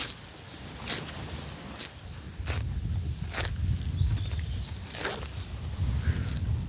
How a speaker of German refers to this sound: Das sind doch schöne Geräusche, wie so Kühe das Gras abrupfen. Bloß nicht weit bewegen, schön um einen rumfressen. Aber es ist auch eine gute Koppel hier.